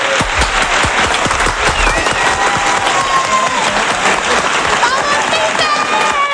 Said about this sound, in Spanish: mi último aplauso es para ti.